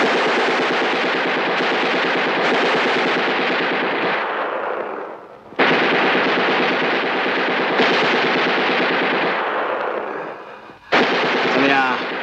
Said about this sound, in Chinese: 机枪扫射。